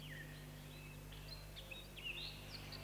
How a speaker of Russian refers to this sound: Горехвостка обыкновенная. Отряд воробьиных. Подотряд певчих. Семейство дроздовых.